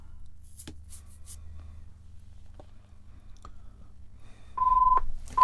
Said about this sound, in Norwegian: Det ringer.